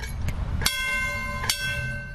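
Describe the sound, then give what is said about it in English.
A trolley bell clangs twice, about a second apart, each strike leaving a bright metallic ring that lingers over the low rumble of the moving car. “If there's enough time when we come back, we take the young children and put them up in the front, let them blow the whistle, ring the bell.”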